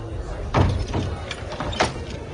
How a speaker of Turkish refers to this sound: Ardından Resulullah Kabe'ye girdi. Üsame bin Zeyd, Bilal ve Osman bin Talha da beraberinde girdiler. Kapı kapandı.